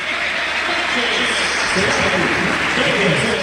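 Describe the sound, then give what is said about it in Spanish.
A large stadium crowd in Lanús, Argentina, roars in sustained ovation for Flaco López during the Argentine football tribute to the World Cup runners-up, a dense, steady wash of cheering and applause that holds loud throughout, swelling slightly toward the end. “Y la ovación también para el Flaco López, que ya está ubicado en uno de los palcos”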